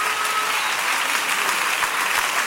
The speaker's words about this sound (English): Somebody clap for Jesus.